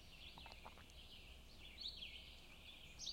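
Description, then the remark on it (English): Faint birds chirping outdoors, with a few short, high tweets scattered over a steady background hiss. No one speaks. “Nice to hear the birds.”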